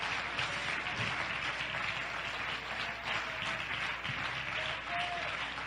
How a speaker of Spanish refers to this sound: Dele un aplauso a la gloria de Él.